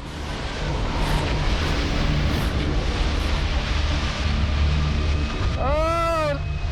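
Strong headwind roars and buffets steadily over a lake during a hurricane-like storm, a loud, low, constant rumble, with a brief wavering tonal sound rising and falling near the end.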